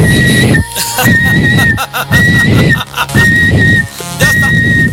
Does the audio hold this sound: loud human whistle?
yes